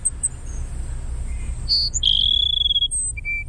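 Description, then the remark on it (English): Cassin's sparrow song: a few short, high whistled notes, then a long burry, buzzy whistle, and a final brief note at the end, over a steady low rumble. “It's just a bizarre burry whistle.”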